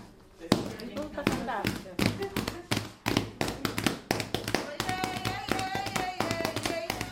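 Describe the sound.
A group claps out a steady, brisk rhythm of sharp, loud claps, with voices singing along over them, growing stronger toward the end.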